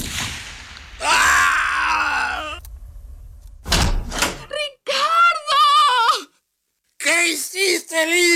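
A single sharp, loud gunshot bursts out midway as a gun accidentally fires through a door, between stretches of pained groaning and strained, wordless vocal cries.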